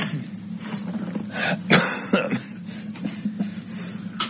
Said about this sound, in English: Excuse me, I'm coughing. I'll try to kill the microphone.